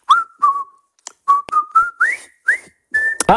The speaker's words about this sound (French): Je vais vous siffler un air et vous allez devoir deviner le thème de ma musique.